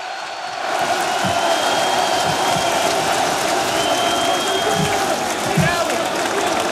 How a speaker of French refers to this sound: Warren Zaïre-Emery dans son style, quelques applaudissements, mais lui aussi a été chaleureusement acclamé par la foule parisienne sous le Champ de Mars.